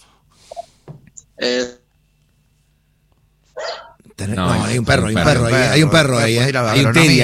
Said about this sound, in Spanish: Hay un perro ahí. Hay un Terian.